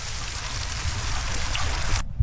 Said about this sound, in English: Rain. Ding, ding, ding. Correct. Well done.